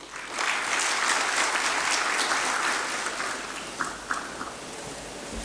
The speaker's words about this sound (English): Tumpongeze tena kwa makofi.